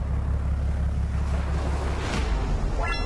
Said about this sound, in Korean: 오늘은 배에서 움직이는 게 좀 힘들겠어. 예, 최대한 저희가 조심하겠습니다. 거친 파도에 서 있는 것조차 힘들었지만 오늘 고개를 좀 많이 잡을 것 같습니다.